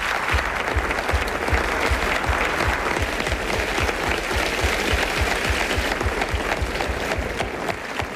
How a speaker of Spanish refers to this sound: Gracias. Gracias a todos por este aplauso